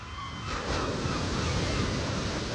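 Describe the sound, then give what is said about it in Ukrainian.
Rough sea surf roars steadily, waves breaking and washing ashore with a broad rushing hiss, whipped by gusting wind that buffets the microphone, loud throughout. “Аж нараз повіяв вітер. Розігралося море, затопило корчик, і з ним разом синичине гніздо.”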